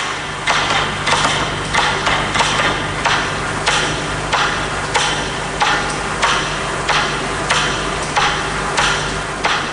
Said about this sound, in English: Eventually, there are only a handful left ticking. And then, just one final metronome.